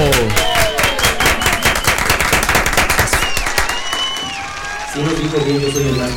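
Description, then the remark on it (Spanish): An audience claps loudly for a guitarist in a dense, rapid burst for about four seconds, with voices shouting and cheering over it; the clapping then fades and a voice speaks. “Un aplauso para él.”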